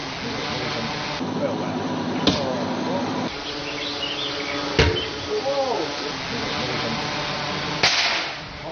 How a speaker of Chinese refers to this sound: 随着三声清脆的响声，金属利箭从高空落下，将三种不同材质的物品全部贯穿，在场人员无不为之心头一震。